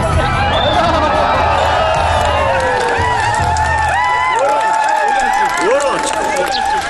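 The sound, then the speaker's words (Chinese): A large outdoor crowd of spectators at a Mongolian wrestling (bökh) match at the Naadam festival, seated on the ground around the wrestlers on a grassy or soft open field, chatters and calls out continuously, a dense, steady hubbub of many overlapping voices with occasional louder shouts rising above the murmur. “比赛所需场地简单，只要有一片草坪或松软空地，观众们席地围坐，搏克手们就可以在中间进行比赛。”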